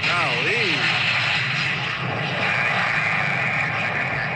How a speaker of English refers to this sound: The plane actually hit the runway, like the back of the plane. Ooh, I saw this. Causing sparks to come out. It's called a tail skid.